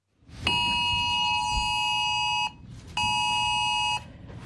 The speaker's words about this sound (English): On Monday, every mobile phone in Australia is expected to hear the same warning sound. It's a test for a new national emergency alert system called AusAlert.